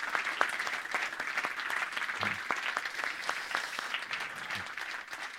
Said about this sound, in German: Es braucht immer so viele Menschen, damit so ein Abend stattfinden kann, die man hier nicht sieht. Bitte großer Applaus an die Leute, die nicht hier vorne stehen.